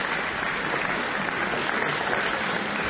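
Sustained applause from the audience of a recital by Sergei Malov and Helen Webby at the 2024 Adam Chamber Music Festival, a dense, even wash of many hands clapping at steady loudness throughout, with no voices standing out.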